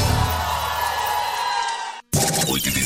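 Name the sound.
crowd shouting and whooping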